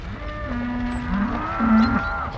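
Cows low in long, drawn-out moos, two or three calls overlapping one another at moderate volume, with a steady outdoor rumble underneath and no voices.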